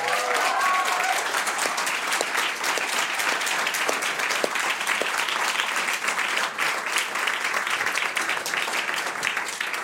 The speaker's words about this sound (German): großen Applaus, schön, dass du da bist.